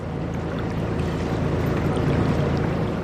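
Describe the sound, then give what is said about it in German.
A boat travels on the Rhine from Budenheim to Mainz, carrying mourners to a burial: a steady engine drone with low rumbling tones and a constant wash of water noise, unchanging throughout, with no voices. “Die Angehörigen sind in Budenheim an Bord gekommen und dann eine Stunde mit dem Boot zum Ort der Beisetzung gefahren, nach Mainz.”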